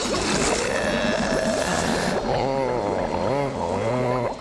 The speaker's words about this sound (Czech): Jejda, to je ale příjemná, horká koupel. Je, už došáhnu na dno. Cítím tady ovár. Obrovitánský vaně, plný bublin.